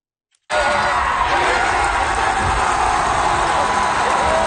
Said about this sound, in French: On entend la foule hier au match des Titans d'Ottawa qui sont devenus champions de la Ligue Frontière pour la première fois de leur histoire. Ils ont remporté le trophée hier devant leurs partisans, une victoire de 4-0 contre les Otters d'Evansville